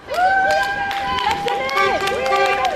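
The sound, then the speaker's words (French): Several car horns honk in support of a teachers' strike picket outside a school in Brussels, Belgium, in long, overlapping blasts at different pitches, sounding almost continuously, with scattered sharp crowd noises and claps underneath. “Des coups de klaxon en guise de soutien.”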